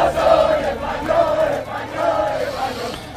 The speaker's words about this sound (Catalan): El ruido no ha parado en prácticamente toda la noche. El ruido de decenas de miles, de cientos de miles de aficionados eufóricos por la victoria de España en el Mundial, por esa segunda estrella que hay que bordar ya en las camisetas.